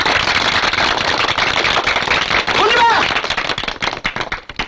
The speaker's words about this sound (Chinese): 我们谢谢师长。我提议大家鼓掌，在这里鼓掌。